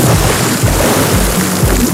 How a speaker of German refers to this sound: Ins Schwimmbad springen.